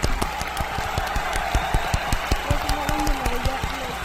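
A small group claps steadily for a few seconds at the end of a story, the sharp overlapping claps even, with faint voices murmuring underneath.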